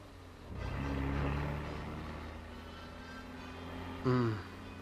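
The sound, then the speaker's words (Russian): A closed van's engine hums steadily with a low droning rumble as it drives along, heard from inside on its iron floor, swelling briefly as it works harder, then a short rising growl near the end like a gear shift or acceleration. “Заперли в какой-то газенваген. Куда-то везут.”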